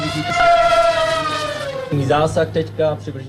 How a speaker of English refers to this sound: The sound of drones demonstrated at Drone Shield 2026 on Tuesday, a day that the military event was open to the media.